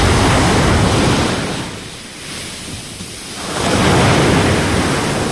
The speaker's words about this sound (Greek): Η Όλγα έχει φουρτουνιασμένη θάλασσα, μπόλικο κύμα, από το κάθισμα στη Λευκάδα.